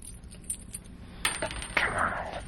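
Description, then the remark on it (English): A handful of coins is thrown for an I Ching reading and clatters onto a hard surface, with two bursts of bright metallic jingling and ringing, over quiet background hiss. “I liked the I Ching better. Started throwing coins.”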